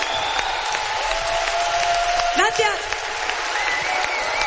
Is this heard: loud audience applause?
yes